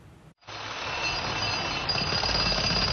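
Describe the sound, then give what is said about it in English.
A power drill runs loudly and steadily for nearly three seconds in Aleppo's old market in Syria, a harsh, continuous whine with a high-pitched tone, starting after a brief silent pause. No one speaks. “The sound of a drill echoes through Aleppo's old market, a symbol of the city's once vibrant trade.”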